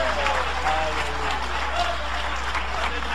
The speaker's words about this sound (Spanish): ¿Cuántos creen que el Señor está aquí esta noche? Dale un aplauso de poder a Jesús.